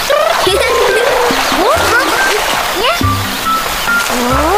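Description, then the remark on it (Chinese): A loud, steady roar of rushing waterfall water fills the whole recording, with high, sliding vocal sounds and brief voices breaking in over the constant spray. “小鳄，你是说瀑布后面藏着一个山洞？”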